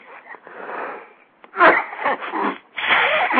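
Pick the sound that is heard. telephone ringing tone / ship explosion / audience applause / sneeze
sneeze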